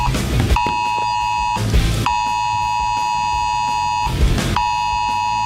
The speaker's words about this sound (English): Well, Britain has taken the extraordinary step of sending a wildfire alert to every single phone in England and Wales.